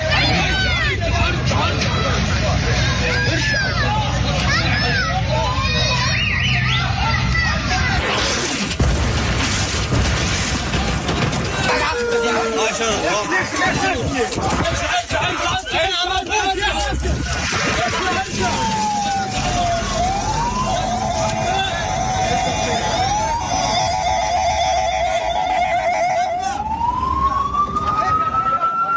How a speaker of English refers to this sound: filmed himself near the scenes of some of the Israeli airstrikes on Tuesday and recorded civil defense crews trying to put fires out inside buildings that were targeted.